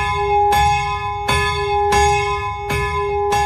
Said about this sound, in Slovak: a tam normálne visí zo stropu taký motus, a ten pán ho chytí, pozrie sa na hodinky, že kedy má presne začať zvoniť a 10 minút pred omšou začne zvoniť na tom.